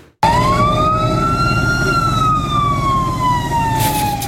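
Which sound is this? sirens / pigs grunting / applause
sirens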